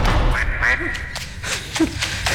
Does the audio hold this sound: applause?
no